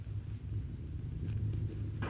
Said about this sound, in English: Yeah, but what's that thunder? That's not thunder, partner. That's cattle on the move.